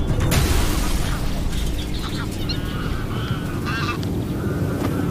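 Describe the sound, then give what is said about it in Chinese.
Adult greylag geese honk in short, harsh bursts over steady low rumbling as they try to drive off a crow approaching their goslings, the calls coming irregularly and overlapping at times, fairly loud throughout. “成年灰雁想把它赶走，乌鸦不断地尝试靠近灰雁雏鸟。”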